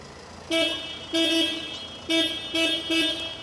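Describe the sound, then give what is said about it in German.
A car horn honks four times in a quick, uneven series, each blast loud and harmonic with a steady tone, over a low rumble of background traffic. No one speaks. “Dass sie so in Alltagssituationen keine Probleme hat mit lauten Geräuschen, mit Autos, mit Hupen, das habe ich ja so schon im täglichen”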